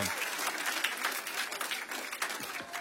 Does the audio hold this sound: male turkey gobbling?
no